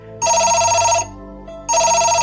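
A telephone rings in two loud electronic bursts, each about a second long with a bright, steady warbling tone, separated by a short pause. No one speaks.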